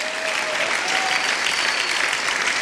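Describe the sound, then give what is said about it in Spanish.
Steady audience applause, a dense wash of many hands clapping at an even, loud level throughout, with no voices rising above it. “Bueno, no sé si entendió para que aplaudiera o porque por inercia estaba usted aplaudiendo.”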